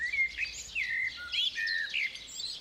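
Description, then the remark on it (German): Songbirds chirp and twitter continuously in bright, quick overlapping phrases, drawn to the hedge around a farmhouse in Nettlingen. Moderately loud, with a soft outdoor hum underneath and no voices. “Die Hecke ums Haus zieht Singvögel magisch an.”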